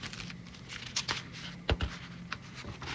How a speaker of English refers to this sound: Sorry for the ruffling of the paper. We've got, if I can find it.